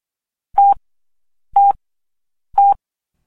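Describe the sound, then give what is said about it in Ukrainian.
Radio time signal pips marking exactly 12 o'clock on the radio station Khvylia Blahoslovinnia, broadcasting from Germany: three short, identical beeps at the same steady mid-high pitch, spaced one second apart, sounding alone with silence between them. “12-та година рівно.”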